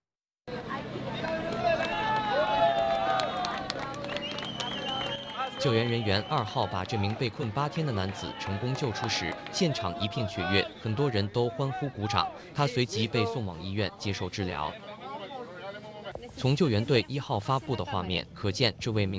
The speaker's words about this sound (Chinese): 救援人员2号把这名被困8天的男子成功救出时，现场一片雀跃，很多人都欢呼鼓掌。